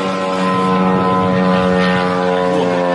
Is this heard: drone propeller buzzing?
yes